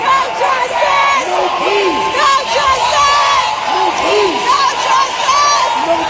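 Protesters shout inside a state house: a dense crowd yells continuously, many overlapping voices rising and falling in pitch, loud throughout with no single speaker standing out.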